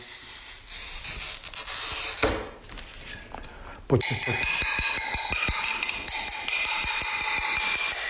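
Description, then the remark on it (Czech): Gritty scratching of a pen-like glazier's glass cutter scoring a pane, a sharp crack as it snaps, then a quick run of bright ticking and clinking. A voice briefly speaks over it. “Je to běžné sklenářské řezání.”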